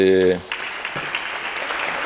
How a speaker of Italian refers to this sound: Sentite che applauso.